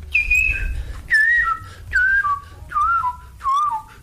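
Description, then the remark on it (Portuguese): A person whistles five short descending phrases in a steady rhythm, each gliding down in pitch, imitating the song of a bird from Brasília that had a crazy scale. Clear, with a low rumble underneath and no talking. “Tinha um pássaro em Brasília que tinha uma escala maluca, assim, porque ele fazia esse efeito.”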